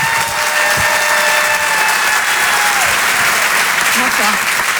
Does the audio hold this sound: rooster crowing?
no